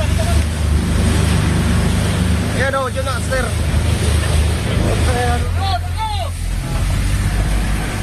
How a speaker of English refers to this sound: What you can hear there are the voices of the Coast Guard rescuers on their boats as they approach the burning ferry, which is engulfed in flames in the darkness 100 yards ahead of them.